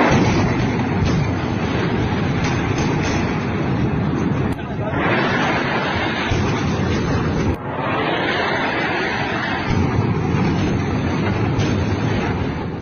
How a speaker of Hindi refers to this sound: 7 और 8 मई की रात 1:04 से 1:28 के बीच आधी रात का सन्नाटा भारतीय तोपों की गर्जना से टूट गया।